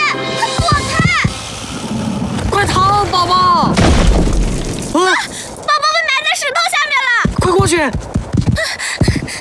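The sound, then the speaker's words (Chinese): A rumbling rockfall with heavy booms and crashing debris, loudest midway through, mixed under excited, high-pitched voices shouting and calling out. “岩石要塌了！”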